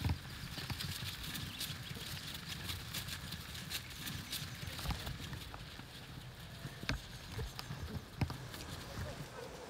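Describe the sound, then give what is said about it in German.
A herd of cattle being driven toward a livestock trailer, many hooves thudding and scuffing on the ground in an irregular, continuous clatter, with occasional sharper knocks standing out from the steady shuffling. “Immerhin bewegt sich die Herde schon mal in die richtige Richtung.”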